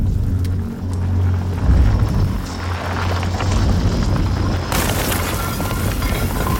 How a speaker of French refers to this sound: Dans une galerie, juste au-dessus du refuge, une petite explosion suivie d'une chute de pierre.